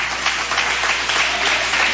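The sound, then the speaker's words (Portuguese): Steady applause for Jesus from an audience at a church service, a dense wash of many hands clapping together at a constant, fairly loud level with no voices. “Pode se assentar e dar aquela salva de palmas para Jesus que ele merece.”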